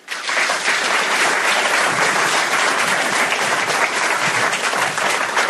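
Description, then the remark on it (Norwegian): An audience at a conference in Honningsvåg, Norway, claps to welcome the meeting chair Skjalg Fjellheim, political editor of Nettavisen, a dense wash of many hands that rises quickly and holds at a fairly loud, even level for several seconds, with no voices heard over it. “Så mine damer og herrer, gi en varm applaus til møteleder Skjalg Fjellheim.”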